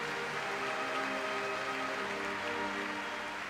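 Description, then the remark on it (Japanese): A large stadium crowd at a baseball tournament applauds as the team captain returns the championship flag to the tournament president, in a dense, steady roar of clapping that holds at an even, loud level for the whole stretch, with no voices standing out. “会場からは大きな拍手です。”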